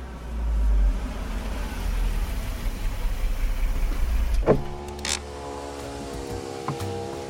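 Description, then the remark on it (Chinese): A car engine cranks with a rough, churning mechanical noise for several seconds but never catches, its battery flat after the headlights were left on overnight; it then gives way to a steady whirring hum. Moderately loud, with no voices. “别提了，我昨天晚上忘关车灯了，今天早上车就没电，打不着了”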